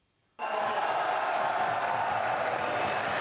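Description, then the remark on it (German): A crowd of fans bursts into cheering and applause all at once after a brief silence, as the city council in Oldenburg, meeting in a school auditorium, approves a new football stadium; the dense roar holds steady and loud for several seconds. “Der Jubel unter den Fans des Projekts war groß, als das Stadion dann beschlossene Sache war.”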